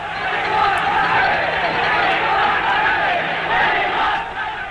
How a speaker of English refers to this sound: The game has been officially cancelled. The game has been cancelled. The game has been cancelled. Crowd refusing to go, chanting, "We want rugby."